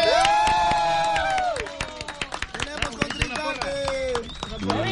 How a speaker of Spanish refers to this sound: Yo quité la pista para que escuchara la porra.